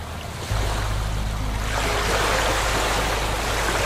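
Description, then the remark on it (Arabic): Atlantic Ocean waves crash forcefully against rocks on the coast of northern Morocco in a steady, loud roar of rushing water, with a deep rumble setting in early and a bigger surge swelling midway. No voices. “تخيل نفسك واقف على حافة المحيط الأطلسي شمال للمغرب، الأمواج تضرب الصخور بقوة وصوت البحر يملأ المكان”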